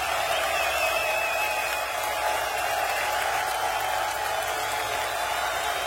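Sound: audience applauding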